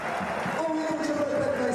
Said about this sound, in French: Luka Modric, forcément applaudi.